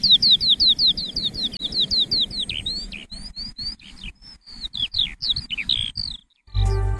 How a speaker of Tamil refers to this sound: அந்த சிட்டுக்குருவி திரும்பி நம்ம கூட கீச் கீச் கீச்சின்னு நம்ம கூட